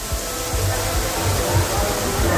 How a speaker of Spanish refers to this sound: El metro de Valencia, por ejemplo, sonaba así. Esto era captado por unos usuarios dentro del mismo metro. Escuchemos la cantidad de agua. Estación de Jesús del metro de Valencia.